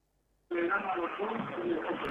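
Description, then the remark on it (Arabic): After a brief silence, a narrow, tinny phone line from a caller to a doctor's call-in program cuts in, carrying the steady, muffled sound of the caller's television, with voices and background audio blending together at a constant level. “ايوه، نطفي التلفزيون ونتكلم من التليفون لو سمحت.”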